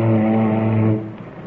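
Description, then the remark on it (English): One loud, low ship's fog horn blast, sounded in iceberg waters to listen for an echo off nearby icebergs: a steady, deep droning tone held for about a second, then trailing off into a fading rumble. No voices are heard. “Say, don't you ever use your fog horn?”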